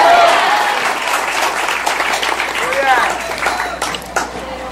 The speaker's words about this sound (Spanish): Dale un fuerte aplauso al Cristo de la gloria. A su nombre. A su nombre.